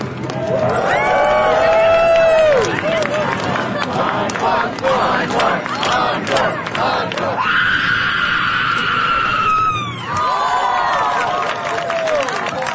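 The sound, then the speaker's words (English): Loud, sustained guttural screams ring out one after another at a screaming contest scored on volume, duration and style, each held for a couple of seconds, over a noisy crowd that yells and cheers throughout. “The first guttural scream happened last month in San Francisco.”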